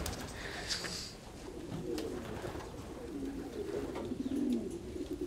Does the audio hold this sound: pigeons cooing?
yes